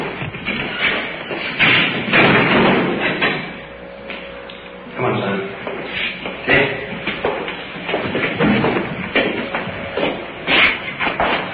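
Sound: door closing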